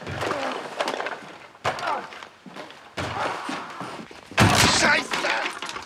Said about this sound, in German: Er ist in seinem Hobbykeller und hämmert auf irgendwas ein. Aber das Geräusch kommt nicht aus dem Keller, sondern von draußen.